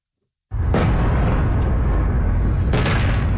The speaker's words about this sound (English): Explosions in the night sky over the capital of Ukraine. This is the sixth consecutive day of attacks from Russia.